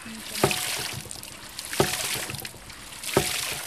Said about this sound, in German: hat man eben mit Hilfe dieses Widders das Wasser nach oben gepumpt. Und da spritzt es